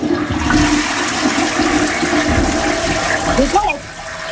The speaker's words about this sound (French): Oui, plus précisément, la chasse d'eau.